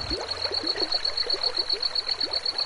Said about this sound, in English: they have higher humidity, and you have the flowing river right through the very dry, arid areas for the most part, and a lush canopy of cottonwood trees and willow trees.